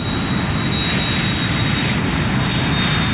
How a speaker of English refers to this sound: When my parents moved near JFK Airport, I would watch the planes flying overhead and imagine them taking me to India so I could find Aunt Michelle.